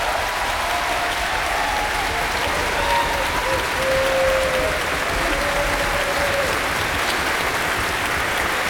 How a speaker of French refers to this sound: qui est ici également au violon et qu'on va applaudir bien fort et qui va nous parler tout à l'heure.